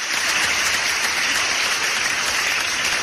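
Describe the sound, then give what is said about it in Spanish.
A crowd gives a welcoming round of applause, steady, a dense wash of many hands clapping at once, loud and sustained for the whole stretch with no voices rising above it. “¿Qué les parece si le damos un aplauso de bienvenida?”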